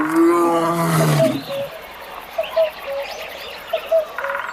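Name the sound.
lion roaring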